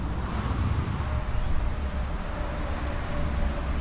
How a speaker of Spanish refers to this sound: es que estamos aquí y hoy se oye el paso del tráfico. Sí, sí, sí, sí, se oye. De momento sí, luego... El tránsito, el tráfico.